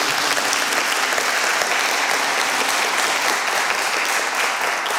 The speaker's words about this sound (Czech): Krásný večer, vážení a milí, vítejte na Prahu 73. edice hudebního cyklu Zpěvem k srdci zde v koncertním studiu S1 Českého rozhlasu Ostrava. Srdečně vítám všechny a zatleskejme si.